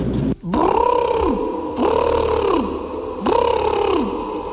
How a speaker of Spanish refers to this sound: El animal parece un pavo real. ¿Puede ser un pavo? ¿Y el sonido podría ser un pavo real?